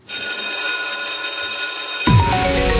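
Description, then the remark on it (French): A loud electric school bell rings continuously for about two seconds, a steady metallic clangor, then cuts off abruptly into a louder burst of different sound with a falling tone. “La petite sonnerie de l'école, on en frissonne quand on l'entend.”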